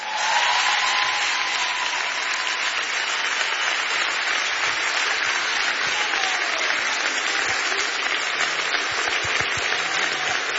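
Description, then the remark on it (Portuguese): A concert audience applauds steadily and loudly for about ten seconds as a guest musician is welcomed on stage. The clapping is a dense, even wash with no pauses, and faint whistles or cheers rise briefly above it. “Faz favor de aplaudir este homem, faz favor.”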